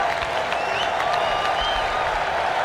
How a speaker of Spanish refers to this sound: La gente aplaude a Sané.